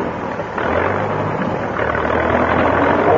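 A tractor engine kicks in with a sudden rise in volume, then settles into a steady, loud, rumbling drone with a low throbbing hum that keeps running to the end.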